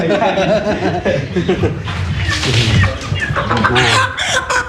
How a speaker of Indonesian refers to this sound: Nah ini ayamnya ya. Ini ayam yang dipasang untuk ayamnya, ayam Jawa seperti ini.